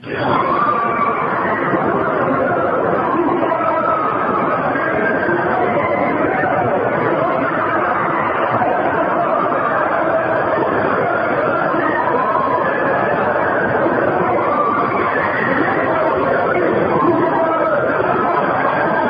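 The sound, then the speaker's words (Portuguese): Recorded screams said to come from hell: a dense, unbroken wash of many voices screaming and wailing together, muffled and thin in tone, holding a steady loudness throughout with no clear words standing out. “Ouça agora os gritos que eles ouviram e gravaram.”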